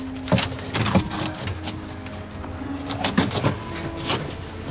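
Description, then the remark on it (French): A few thuds and clunks ring out at irregular moments as people climb up into a truck at midnight, over a steady low hum, with no one speaking. “Maintenant, on monte dans le camion.”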